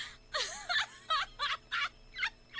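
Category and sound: vocal imitation, voice imitating a chicken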